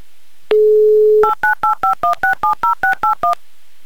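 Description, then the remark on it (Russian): A steady single-pitch tone plays for about a second, followed by eleven quick, evenly spaced two-note keypad beeps as a phone number is dialed to call a listener back. Loud and clear, with no voices. “Ну, набор тоже красиво звучит.”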